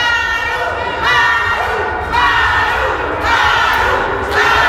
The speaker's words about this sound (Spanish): lo que expresaron con gritos al momento en que los líderes morenistas ingresaban a la terminal aérea. Escuchemos un poco de lo que se vivió a la llegada de Ariadna y Andy López Beltrán al aeropuerto.